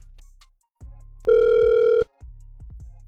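One loud, steady burst of a phone's ringback tone, lasting under a second, on an outgoing call placed to a woman by the Get Up Crew, framed by soft low thumps and line noise before and after.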